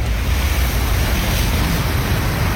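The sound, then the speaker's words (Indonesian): Steady, loud surf roar with a heavy low rumble and constant hiss, like ocean waves washing continuously onto a shore. No distinct individual breaks stand out, and no one speaks. “Abrasi atau biasa disebut juga dengan erosi pantai merupakan proses pengikisan pantai yang disebabkan oleh adanya tenaga gelombang laut dan arus laut yang bersifat merusak.”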